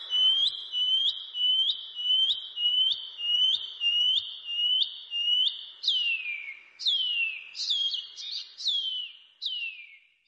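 A shining cuckoo (pipi wharauroa) calls alone: a rapid series of high, upslurred whistles repeated steadily, then a few downward-sliding notes as the song ends.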